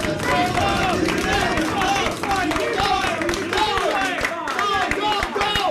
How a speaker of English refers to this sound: Now, I should say I'm surrounded here by about 10 research assistants, people who work at the lab. They're cheering me on while I'm just like killing myself on the treadmill.